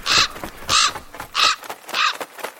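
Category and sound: bird, raven cawing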